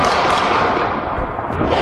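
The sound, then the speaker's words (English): A dense, loud barrage of gunshots crackles nonstop, the rapid reports blurring into a continuous rattling roar with a few sharper cracks standing out near the end. “Those are gunshots, yep.”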